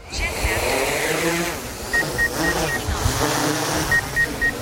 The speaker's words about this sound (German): Am Ufer des Rotsees hebt die neu angeschaffte Drohne der Wasserwacht Ortsgruppe Rot ab. Unter anderem ausgestattet mit Kamera, Nachtsichtgerät, Infrarot sowie Wärmebildtechnik.